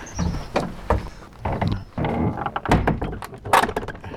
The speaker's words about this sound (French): Là déjà, les premiers travaux, parce qu'il y a une volée de marche en bois pour descendre quoi, environ 1,50 m, une porte magnifique, en train d'ouvrir.